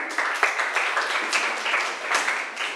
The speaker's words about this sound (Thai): นักเรียนค่ะปรบมือให้เพื่อนหน่อย